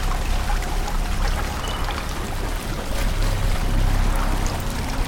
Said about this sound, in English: They are now in a tunnel filled with water that reaches their chests. They wade through with flashlights on.